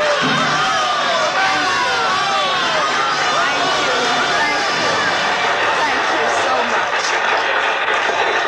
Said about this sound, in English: It was then that I first experienced what will always be to me, in all the range of human feelings, the supreme exaltation when you hear the full frenzied applause of an audience for you alone.